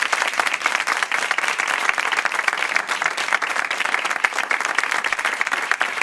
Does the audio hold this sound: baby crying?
no